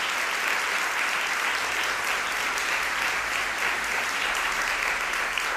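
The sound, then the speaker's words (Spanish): A crowd applauds steadily, a dense wash of many hands clapping at once that holds at an even, fairly loud level throughout with no pauses and no voices over it. “pero claro, es que también se merecen un aplauso.”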